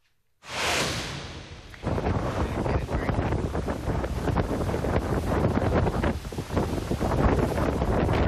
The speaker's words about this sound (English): Wow, you can hear that wind and you can see all of that rain moving sideways. Isaias peaked as a Category 3 hurricane before making landfall near Destin, Florida as a Cat 2.